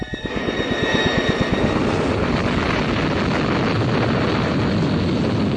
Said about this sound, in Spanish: El estruendo de los potentes motores del proyectil Atlas se dejó escuchar como un trueno multiplicado varias veces. Grandes lenguas de fuego brotaron de los escapes del gran cohete y una nube blanca y espesa envolvió el proyectil